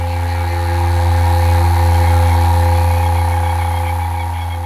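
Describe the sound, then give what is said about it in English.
A mating toad gives a steady, low buzzing drone that holds unbroken for the whole stretch, swelling slightly in the middle before easing off, with no voices over it. “You can hear now a noise probably in the background, which is a toad, which is probably mating.”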